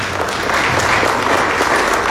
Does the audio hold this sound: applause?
yes